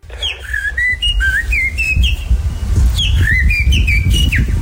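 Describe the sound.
A person whistles an imitation of a blackbird's song, the contest-winning whistle, a fluttering, warbling call in two phrases of quick rising and falling notes, loud, over a low rumbling background with no talking.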